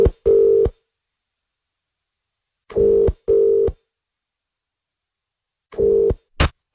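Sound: telephone dialing and ringing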